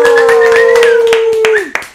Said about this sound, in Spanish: así que recibámoslos con un fuerte aplauso.